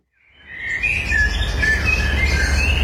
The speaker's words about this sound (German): Amseln, Buchfinken und Rabenkrähen dürfen fleissig gesungen haben, wo sich in der Abenddämmerung vom 15. Mai 2021 eine alte Hirschkuh in der Nähe von Thrun auf den Weg gemacht hat.